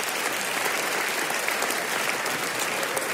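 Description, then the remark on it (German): A crowd applauds itself steadily, a dense, even wash of many hands clapping at constant loudness for a few seconds, with no voices standing out. “Kleiner Applaus für euch selbst an der Stelle.”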